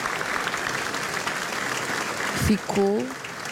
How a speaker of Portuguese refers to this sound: Ficaram umas palmas.